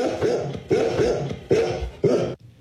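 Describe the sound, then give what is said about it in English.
Four loud, harsh barks from golden retrievers come in a steady rhythm about half a second apart, each one full and raspy and ending abruptly. There is no talking. “I cannot believe you spent our entire life savings on dogs. They're golden retrievers”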